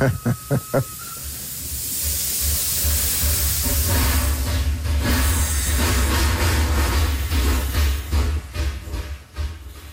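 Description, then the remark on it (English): A steam locomotive rumbles past, a few sharp chuffs at the start giving way to a loud, sustained hiss of steam coming out of the engine over a deep engine drone, with rhythmic beats pulsing toward the end. “And it's the steam coming out of the engine.”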